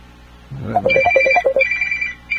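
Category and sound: signal or alarm, whatsApp call ringing tone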